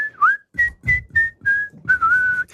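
Someone whistles a short tune, a string of clear, bright notes with a few swooping slides and brief pauses between phrases, no talking.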